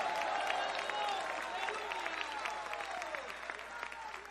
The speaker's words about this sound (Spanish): A él sea la gloria y un fuerte aplauso en esta hora.